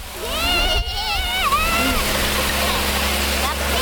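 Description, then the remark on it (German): A steady, loud rush of water spraying from a fire hose nozzle hisses from start to finish over a low rumble, with a voice briefly talking over it in the first half, as the nozzle is turned open. “Was musst du? Wassermarsch. Wassermarsch, genau. Und jetzt drehst du vorne auf.”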